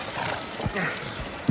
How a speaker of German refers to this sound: Im rasanten Galopp bahnten sich die Freunde ihren Weg durch die Straßen Aglaias. Das Schnauben der Pferde vermischte sich mit dem rhythmischen Rotieren der Räder